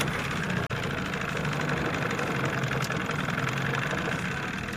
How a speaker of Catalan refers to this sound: Arrencam el cotxe amb una clau de contacte.